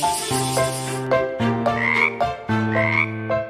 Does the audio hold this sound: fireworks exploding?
no